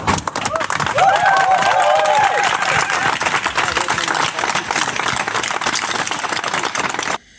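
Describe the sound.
A crowd claps steadily for about seven seconds, dense overlapping hand claps with some shouting voices mixed in, then it cuts off abruptly.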